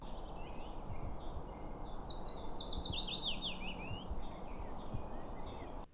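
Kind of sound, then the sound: bird, willow warbler song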